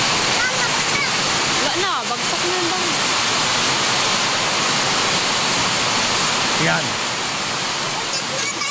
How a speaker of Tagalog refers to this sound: Yan yung ulan kahapon. Haloob po ng bahay nila yan. Haloob po ng bahay, mga kaibigan.